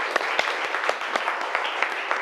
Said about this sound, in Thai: ปรบมือดังๆ